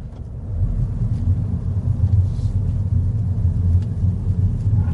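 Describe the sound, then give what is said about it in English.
The small three-cylinder BMW engine of a Mini with automatic gearbox hums low and steady, a throbbing rumble rising slightly in strength after the first half second as the car is put into drive and pulls away, without any voices. “You flick it down into drive, and off we go.”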